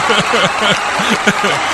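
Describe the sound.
Steady applause from an audience, a dense wash of clapping that runs throughout, with voices calling out and cheering over it.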